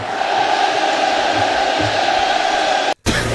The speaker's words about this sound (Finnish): Tämä on jäätävän kuulosta, kun yleisö laulaa, vaikka kappale on loppunut minuutteja sitten. Niin tässähän on tällainen futisottelun tunnelma vähän, eikö se ole?